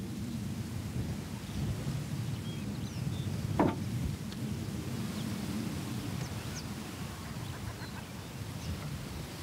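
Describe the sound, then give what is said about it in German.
Coastal birds on an island call sporadically, their faint cries mostly buried under a heavy, steady roar of wind, with one brief louder gust or thump midway. “So verborgen kann er in aller Ruhe die oft sehr seltenen Vögel beobachten und zählen.”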